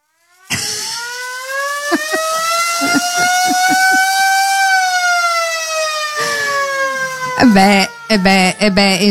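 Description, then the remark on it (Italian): A loud siren, played as an instrument, wails in one long sustained tone that slowly rises and then sags before winding down, followed by a few brief, wavering tonal bursts. “Potremmo fare un festival solo su quello, il festival della sirena.”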